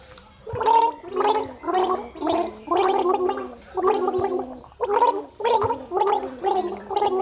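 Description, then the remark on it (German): Muffled, warbling music that sounds as if played underwater, with about a dozen evenly spaced, bubbly mid-pitched pulses in a steady rhythm. No one speaks. “Die Musik klingt wie unter Wasser.”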